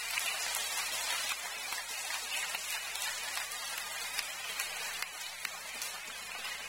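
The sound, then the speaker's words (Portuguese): An audience at a religious meeting applauds Jesus steadily, a dense, crackling wash of many hands clapping at once, holding an even loudness for several seconds with no voices. “Vamos aplaudir a Jesus.”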